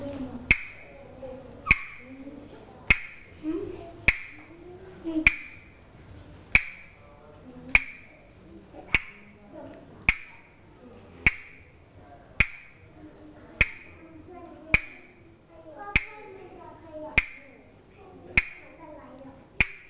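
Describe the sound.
A teacher taps out a steady rhythm of about seventeen sharp, evenly spaced taps with a bright ringing tone, each one crisp and loud, for children to move in place to, while voices murmur softly underneath throughout.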